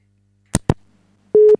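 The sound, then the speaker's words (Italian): Two sharp clicks from a telephone handset, then a single short, loud busy-signal tone beep over an otherwise quiet line, with no voices; a radio station's phone line put on air. “Sentite come sentono bene le linee telefoniche, sentono da Dio, sentite, ho messo in onda il tutù.”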